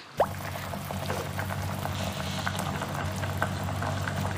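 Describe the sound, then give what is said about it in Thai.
Lightly salted water in a pot bubbles at a steady rolling boil, ready for blanching spinach, a continuous low rumble dotted with small pops and gurgles, moderately loud, with no voices. “น้ำเดือดแล้วนะคะคุณผู้ชมเราก็เอาผักขมลงเลย”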